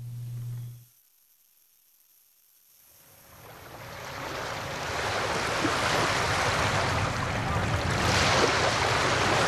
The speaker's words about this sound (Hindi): समंदर की लहरें अपने सरों पे झाग के ताज सजाए इठलाती हुई साहिलों की तरफ बढ़ती हैं। साहिलों पर चट्टाने हैं, लहरें चकनाचूर हो जाती हैं।